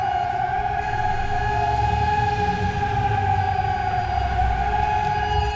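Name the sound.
civil defense warning sirens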